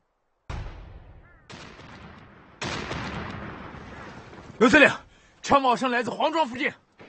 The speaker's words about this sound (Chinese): 刘司令，枪炮声来自黄庄附近。 黄庄是六分局的活动地带。 看来陈大雷和敌人交上火了。